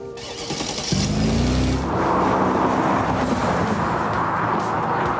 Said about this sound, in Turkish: Konu gençleşmekse bu bir Mercedes ve burası bir yarış pisti. Hadi atla, ne duruyorsun? Hadi. Evet, sürelim bakalım.